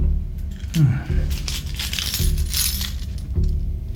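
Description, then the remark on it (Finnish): A bunch of consulate keys, found in a consulate's yard, jangles in a steady metallic clinking and rattling that lasts a few seconds over a low background rumble. “Kato, kun me löydettiin nämä avaimet konsulaatin pihalta.”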